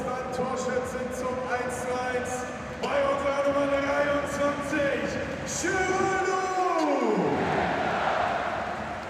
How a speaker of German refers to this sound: Und jetzt der Wechsel. Geraldo Becker geht für Mindo Sieb. Und wir hören einfach mal rein für den Applaus.